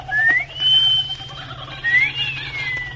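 A shrill two-part wolf whistle sounds twice: a quick upward sweep, then a long held or gently falling note, over a low steady hum with no talking.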